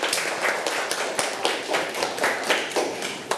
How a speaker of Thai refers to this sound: เด็กๆคะเด็กๆที่ตอบนะคะคุณครูขอให้ปรบมือให้ตัวเองค่ะเก่งมากค่ะเด็กๆปรบมือให้เพื่อนด้วยลูก